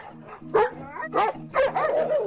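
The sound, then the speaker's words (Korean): Dogs at a horse-riding stable bark and growl at arriving visitors in three loud, harsh bursts, the last one drawn out and yelping, over a low steady rumbling drone. “왜 으르렁거려 너는?”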